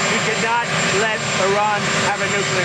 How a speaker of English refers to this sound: He's talking in front of a loud helicopter.